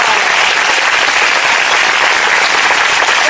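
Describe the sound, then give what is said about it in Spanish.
A church audience applauds the Lord loudly and steadily, a dense wash of many hands clapping at once with no pauses, filling the whole stretch without any talking on top. “Un fuerte aplauso al Señor, iglesia, no se den.”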